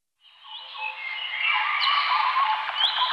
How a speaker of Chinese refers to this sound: 鸟鸣，溪流，森林，草原，大海。如果有一天，这些美好的声音突然消失